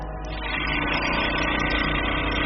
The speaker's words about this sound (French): Donc, pour réduire en poudre les échantillons, on peut les mettre dans un tissulizer. Donc en fait, ça va agiter très rapidement avec des petites billes à l'intérieur. Et donc ça va permettre de déstructurer le tissu.